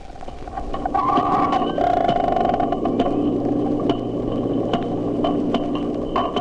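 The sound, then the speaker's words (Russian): A recording slowed eight times, with distinct individual clicks popping out at irregular intervals over a steady low rumble and faint wavering tones. No voices are present. “Отдельные щелчки слышны хорошо, но больше ничего разобрать нельзя.”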